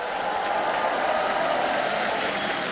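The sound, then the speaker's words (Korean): Steady, sustained applause from an audience for a children's choir, a dense wash of many hands clapping at an even, fairly loud level throughout, with no voices standing out. “더 크게 박수 보내주시죠.”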